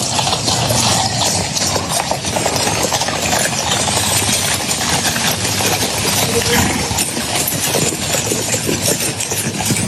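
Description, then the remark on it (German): Hooves clip-clop steadily on a hard surface as a horse-drawn carriage carrying the British King and German President Steinmeier rolls along in Windsor during a state visit, the rhythmic clatter layered over a dense, continuous wash of crowd and street noise. “Und er durfte dann gestern nicht nur in die Downing Street, Keir Starmer, Hallo sagen, sondern auch mit dem König Kutsche fahren in Windsor.”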